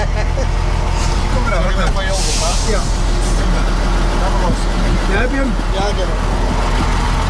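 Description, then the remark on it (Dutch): The heavy engine of Henk Wijngaard's truck rumbles steadily as the vehicle drives, with a brief hiss of air around two seconds in and people talking over the noise. “Dames en heren, hier bij de vrachtwagen van Henk Wijngaard,”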